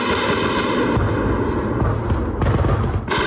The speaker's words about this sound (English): From our shelter in central Kyiv, we could feel the building shake and hear loud bangs as several strikes made impact.